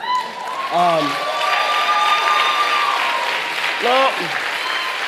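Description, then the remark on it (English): An audience claps in a steady, dense wash of applause for about five seconds, with a couple of brief voices calling out over it. “You clapping, but you don't know the story.”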